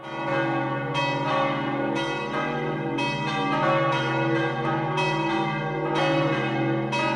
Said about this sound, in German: Das ist das Glockengeläut der römisch-katholischen Kirche von Sachseln im Kanton Obwalden. Es ist die Heimat des Schweizer Landespatrons Niklaus von Flüe, auch bekannt als Bruder Klaus.